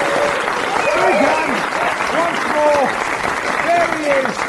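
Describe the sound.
A crowd applauds loudly and steadily throughout, a dense wash of clapping, with scattered cheers and voices calling out over it.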